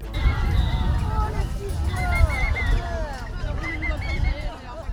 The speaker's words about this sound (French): Les pancartes plastifiées affrontent la pluie. Dans la petite foule de manifestantes et de manifestants, des slogans résonnent.